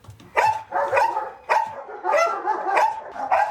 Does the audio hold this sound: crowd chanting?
no